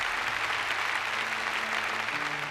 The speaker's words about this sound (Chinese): 好，让我们再次响起掌声，祝贺两位，谢谢你们，请回席落座，祝贺。